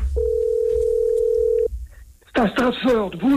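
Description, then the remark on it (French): After a number is dialed, a telephone line rings with one long, steady, mid-pitched ring tone lasting about a second and a half. After a short quiet gap, a person starts speaking. “Bon, ça sonne.”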